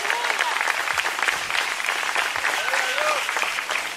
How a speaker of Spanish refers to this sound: Levante ese aplauso al Señor en esta hora.